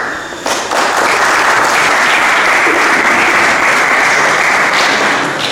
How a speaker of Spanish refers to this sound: Un aplauso. Muchas gracias.